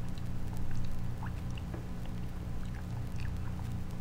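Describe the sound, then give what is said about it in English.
Water is poured steadily into a glass for a few seconds, a soft continuous trickle with small bubbling blips, fairly quiet, with no voices. “give me a glass of water, dear, before you go, will you? Fill it up.”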